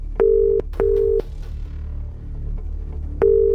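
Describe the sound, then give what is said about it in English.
A telephone dial tone sounds in steady, clear bursts: two close together, then a long gap before a third, over a low background hum. “There's our dial tone.”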